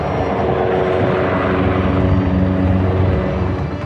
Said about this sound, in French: Image insolite, les hélicoptères bombardiers d'eau viennent s'approvisionner dans les jardins du château de Fontainebleau.